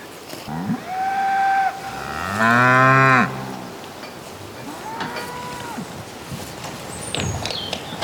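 Several cows moo one after another, a long loud bellow in the middle standing out among shorter, fainter calls, with a steady outdoor hiss in the background.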